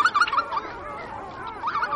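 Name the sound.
wetland birds calling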